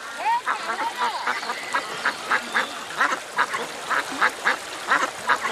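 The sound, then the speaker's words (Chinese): A flock of ducks quacks steadily, the calls coming in a rapid, overlapping series of short bursts that run throughout without any talking. “小小年纪就放鸭子补贴家用，由此与鸭子结下了一生的情缘。”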